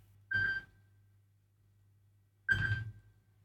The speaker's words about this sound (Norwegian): Det ringer, det ringer. Hør, hvem kan det være?